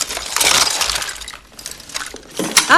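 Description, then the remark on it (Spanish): Glass objects clink and rattle against each other as they are handled during a luggage check at a rehab facility, a busy cluster of bright chinks with a few sharper taps, no voices. “Vidrio, por si me corto las venas, entiendo.”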